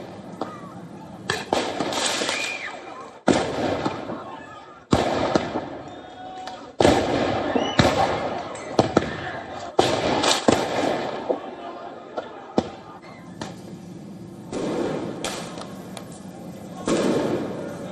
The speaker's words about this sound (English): Riot police clashed with the protesters in a suburb of Paris, meanwhile, with fireworks, tear gas, smoke bombs being fired at regular intervals.